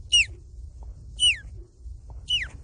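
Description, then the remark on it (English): A 12-year-old boy imitates an osprey call with three sharp, high whistled chirps that slide downward, evenly spaced about a second apart, clear over a faint low rumble. “Last, the osprey.”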